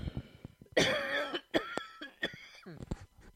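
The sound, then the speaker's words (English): A person coughs several times in quick succession in the morning, with harsh bursts broken by short gasping breaths and a rough, raspy tail. “I do have a bit of a cough this morning.”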